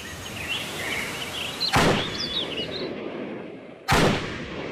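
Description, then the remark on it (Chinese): Two crisp pistol shots crack out about two seconds apart, loud, at a shooting range in the mountains, fired at a paper target, over a steady outdoor hiss with birds chirping faintly in the background. “山间靶场，随着清脆的枪声，靠近山脚的一张靶纸上零星地落着几处弹痕。”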